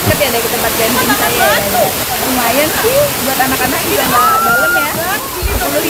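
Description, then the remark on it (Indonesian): A waterfall about 15 meters high roars steadily, its water rushing down from a high cliff into a pool used for swimming, a loud, continuous rush of falling water, while several people talk and call out over it. “Curug atau air terjun cukup tinggi, sekitar 15 meter.”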